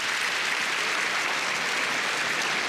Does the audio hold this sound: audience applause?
yes